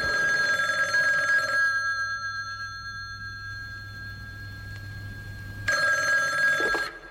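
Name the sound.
telephone bell ringing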